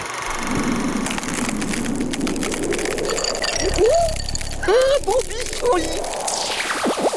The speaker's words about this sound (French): Il a l'air de faire froid. Je sais pas ce que t'en penses dans ce dessin animé. Exactement, oui. On entend les glaçons.